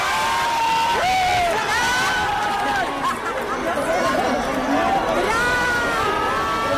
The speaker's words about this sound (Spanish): Y ha llegado Brad Pitt en medio del griterío al María Cristina para alegría de sus fans.